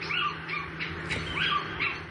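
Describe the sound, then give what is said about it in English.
A little owl calls repeatedly, a series of short, clear, rising-and-falling mewing notes at a steady pace, over a faint background hum, with no voices. “The Little Owl.”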